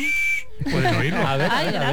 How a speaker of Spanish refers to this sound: Está extrayendo silbato de emergencia, os traigo un regalito. Los oyentes no pueden verlo, Pero pueden oírlo, ¿no?